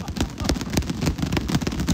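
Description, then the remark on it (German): Boxing gloves being clapped together, a dense run of muffled, padded smacks that overlap irregularly, as if several pairs are slapping at once, continuing steadily for about two seconds. “Klatscht mal mit den Boxhandschuhen, damit hier...”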